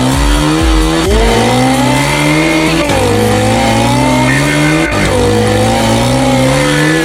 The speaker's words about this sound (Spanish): ¡Y la moto! ¿Cómo suena la moto? ¿Cómo suena la moto?